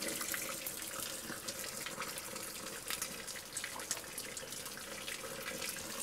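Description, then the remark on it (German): Water runs from a small, famous spring called Napoleone il Grande, just before the mountain village of Matschana, in a steady, hissy stream with small splashy bursts, fairly loud and unbroken throughout, with no voices. “Und dann so eine kleine Quelle.”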